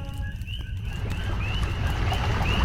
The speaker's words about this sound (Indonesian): Hei, dengar itu. Itu suara air. Mungkin ada sungai di dekat sini.